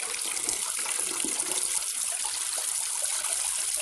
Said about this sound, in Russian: Бежит к душевой. Верзила принимает душ в дощатой кабинке.